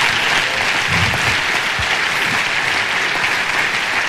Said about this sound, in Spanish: Y eso merece un aplauso a Dios.